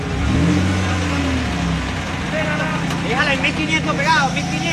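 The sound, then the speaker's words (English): A heavy truck engine revs hard as a rescue crew uses the truck to pull away a metal gate tied to it. Its low growl surges then holds steady, while sharp high squeals and excited voices rise over it toward the end. “And they rush back to work, trying to remove the metal gate by tying it to a truck.”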